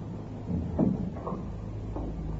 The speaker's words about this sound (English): No, thank you. Just shut the door.